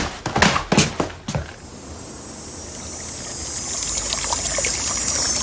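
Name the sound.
trickling stream water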